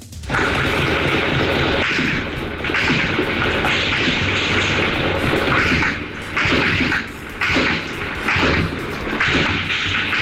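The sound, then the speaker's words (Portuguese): Dense, rapid bursts of gunfire crackle on and off over a constant roar in the Pavuna area, on Rua Iguabá Grande near Parque da Pavuna, in the north zone of Rio de Janeiro, Brazil. The shots come in clustered volleys with brief lulls, loud, with no voices. “Ele encaminhou um áudio pra gente ouvir aí os barulhos de tiro na região da Pavuna, rua Iguabá Grande, próximo ao Parque da Pavuna.”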